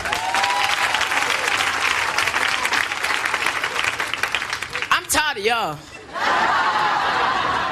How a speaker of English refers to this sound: Any parents out here tonight? Parents clap.